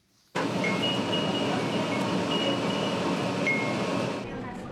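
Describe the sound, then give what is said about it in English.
A streetcar in Okayama City, Japan, decorated with little wind chime bells and collecting donations for quake-hit Kumamoto Prefecture, rumbles steadily with a broad mechanical roar in summer, while faint high tinkling chimes ring intermittently above the noise. “A tram decked out in the little bells is asking for donations.”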